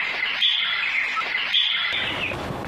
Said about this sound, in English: I see a bird. It is thin. It looks sad.